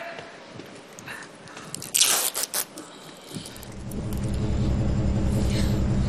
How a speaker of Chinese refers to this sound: 什么声？这冰箱怎么这动静？是不是坏了？